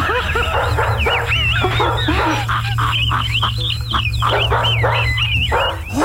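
Several dogs bark and yip repeatedly in an overlapping, excited chorus heard over a caller's phone line, fairly loud over a steady low hum, with some whining mixed in and no talking.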